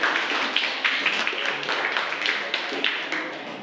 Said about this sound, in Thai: ถูกต้องทั้ง4ใบไหมคะถูกต้องปรบมือให้กับกลุ่มแรกค่ะขอบคุณค่ะ